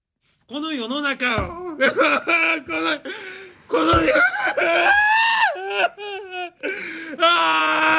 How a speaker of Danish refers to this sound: Altså undskyld, der vil jeg ikke sige gråd, der vil jeg sige vrælen. Altså det er jo, det der er jo et fantastisk eksempel på, jamen det er jo ritualiseret. Gråd, ikke? Det er jo en performance. Enhver kan se, det der er ikke ægte.